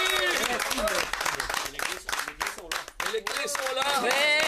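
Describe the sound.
An audience applauds the grand winner of the Big BYD Win in a steady, dense patter of clapping, with voices calling and cheering over it, sustained and fairly loud throughout.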